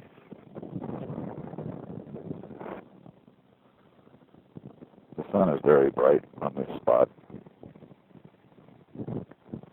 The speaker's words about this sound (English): It's very windy today.